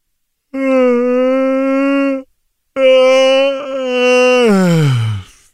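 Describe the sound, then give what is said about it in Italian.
A voiced yawn in two long, steady moaning tones; the second slides down in pitch and trails off into a breathy exhale. No talking. “Infatti, se sbadigliassi adesso, vi verrà istintivo sbadigliare anche a voi.”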